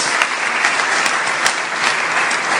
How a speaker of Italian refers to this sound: Ancora un applauso per la ministra Maria Elisabetta Alberti Casellati.